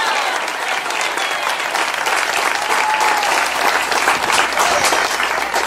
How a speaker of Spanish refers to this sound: Pero fuerte ese aplauso si es para Él.